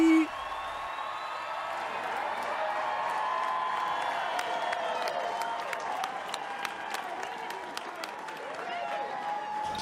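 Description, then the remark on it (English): A crowd at a Tekken tournament applauds and cheers steadily for about ten seconds as the player Nee is introduced, a dense wash of clapping with sharp individual claps popping out and shouting voices blended into the roar. “Please make some noise for Nee.”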